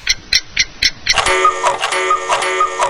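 A clock ticks steadily about four times a second, crisp and fairly loud, then a bright sustained electronic tone cuts in and holds over the ticking: the time signal of the radio station Radio Tropical Latina.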